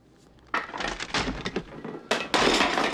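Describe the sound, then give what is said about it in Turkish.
A wooden chair cracks and splinters apart in a loud, crunching burst, then collapses with a second harsh crash of breaking wood about a second and a half later. “Belki başka bir sandalyeye.”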